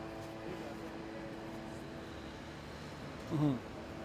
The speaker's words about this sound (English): Well, the skies above us here still filled with many of the drones. We can hear the mechanical hum of these sky predators in the area, just causing more panic and more fear, deepening the sense of panic and fear.